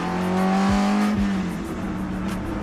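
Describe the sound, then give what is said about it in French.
The engine of a 1966 car running on old, hard tyres on a racetrack runs steadily at high revs through a long curve with a strong, even drone, and its pitch dips and climbs as the driver shifts and eases off. No one speaks. “Ah, je vous laisse un peu écouter le bruit du moteur, c'est fabuleux.”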